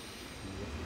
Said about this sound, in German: kurz nach 12 Uhr mittags. In wenigen Minuten fährt hier der Zug aus Dänemark ein.